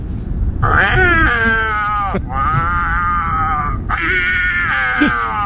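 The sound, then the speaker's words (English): A person imitates a cat in heat with three loud, drawn-out yowling wails, each rising and sliding in pitch, separated by brief pauses, over a low rumbling background. “Here is my impersonation of a cat in heat.”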